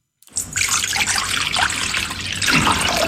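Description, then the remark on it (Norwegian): Water runs steadily from a tap into a metal bowl, a continuous splashing trickle that rises slightly in pitch as the bowl fills, with no talking. About half a litre of water is drawn to mix with a teaspoon of baking soda for soaking berries. “Tar jeg en halv liter vann, blander jeg med en teskje natron.”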